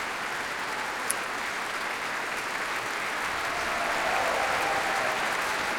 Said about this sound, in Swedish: Ja, jubel för träblåsarna här också. Och som sagt, stående ovationer i Berwaldhallen.